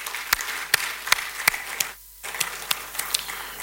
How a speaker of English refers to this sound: So today, we are hosting Ekosi Isen from the Kempinski Gold Coast Hotel. I think it's better for you to give all of us a round of applause, please.